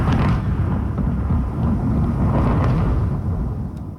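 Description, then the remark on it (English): A long, deep rumble of thunder rolls continuously for several seconds, heavy and low, fading slightly at the end, with no voices present, from a lightning storm over the south coast of British Columbia, Canada, on a Saturday. “Well, if you are on the south coast of BC, you may have heard this on Saturday.”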